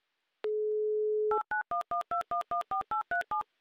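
A steady telephone dial tone holds for about a second, then a quick, even run of roughly ten touch-tone dialing beeps follows as a phone number in Novotroitsk is dialed for a Humor FM radio call, clear with no voices.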